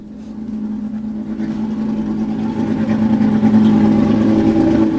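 The engine of rally car number 0 drones with a deep, steady growl that swells gradually louder over several seconds as the car draws closer; no voices are heard.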